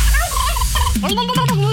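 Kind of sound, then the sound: bird, turkey gobbling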